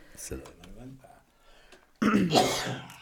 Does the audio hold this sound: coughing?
yes